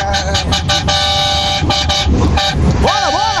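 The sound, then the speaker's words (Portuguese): Loud car horns blare in a deliberate honking session (buzinaço) at 4:30 in the morning, a string of sustained and choppy honks overlapping one another, ending with a wavering, musical horn tone that rises and falls. “Bora, acabou o Região, bora, vamos começar o buzinaço, vai.”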